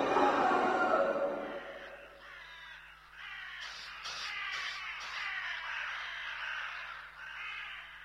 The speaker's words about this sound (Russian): Наступила тишина, только каркали вороны.